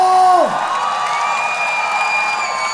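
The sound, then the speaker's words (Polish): A sustained tone slides downward and drops away, then a concert audience erupts into loud, steady applause with cheering and whoops carrying on throughout, applauding at the end of a concert performance. “Wielkie brawa, dziękuję wam bardzo!”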